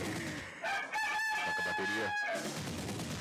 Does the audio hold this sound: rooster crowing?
yes